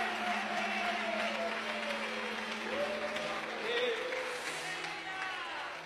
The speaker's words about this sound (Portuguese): Quem pode glorificar a Deus, bater palmas. Mais forte.